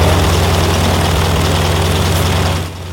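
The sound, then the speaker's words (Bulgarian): A biplane's propeller engine drones loudly and steadily with a deep, throbbing low rumble and broad roar during a record wing-walking flight in Britain, with a 97-year-old woman strapped onto its wings, then fades noticeably in the final moments. No one speaks. “Първият регистриран рекорд за най-възрастна жена, летяла здраво прикрепена на крилата на самолет двуплощник, е от преди 4 години.”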